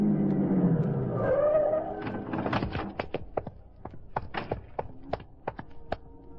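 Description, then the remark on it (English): A big black sedan being driven across town toward River Street: the engine rumbles low and revs with a rising whine for a couple of seconds, then gives way to a string of sharp, irregular clicks and thunks. “I found my way out of the warehouse, climbed in the big black sedan, and drove across town to the block that ran into River Street.”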